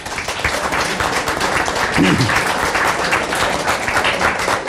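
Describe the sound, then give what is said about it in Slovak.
An audience at a cake-baking competition applauds the contestants steadily for several seconds, a dense, loud wash of many hands clapping at once, with a brief low voice murmur partway through. “To si zaslúži potlesk.”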